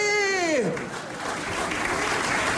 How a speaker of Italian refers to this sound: Applauda, viene qui e mi guarda, Romano Prodi, non applaudi neanche! Ah, un altro, un piccolo applauso per Romano Prodi